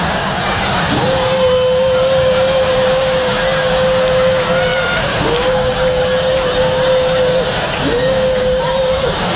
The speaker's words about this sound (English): You see the man coming through with the leaf blower.